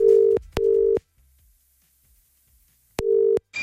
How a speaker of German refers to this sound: Moment, hier schon mal Telefonnummer gewählt und...